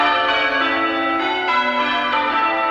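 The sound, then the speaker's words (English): Church bells are rung one after another, their rich, overlapping tones blending into a continuous, resonant peal. New strikes cut in every fraction of a second, loud, with no voices present. “In fact, bell ringing competitions are held around the world.”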